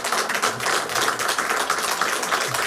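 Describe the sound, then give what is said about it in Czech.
Steady applause from an audience at a charity auction to save the Unger theatre, greeting a gifted owl figure, fills the whole stretch, a dense crackle of many hands clapping at once, fairly loud and even, with no voices over it. “Je na aplaus.”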